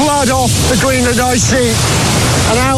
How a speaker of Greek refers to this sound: κάθε μικρό ριάκι, κάθε ρεύμα ποταμού πάνω στο πάγο κάλυμα καταλήγει σε ποτάμι, σε αυτό το ποτάμι